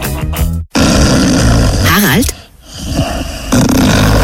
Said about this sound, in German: Na, da, du schnarchst schon wieder! Was? Ich? Na, mir! Das ist ja nicht mehr normal.